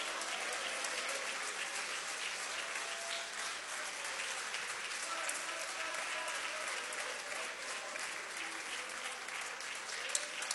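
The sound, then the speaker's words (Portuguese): An audience applauds the name of Jesus steadily for about ten seconds, a dense, even wash of many hands clapping, with no pauses and no voices standing out. “Isso, pode aplaudir o nome de Jesus, pode.”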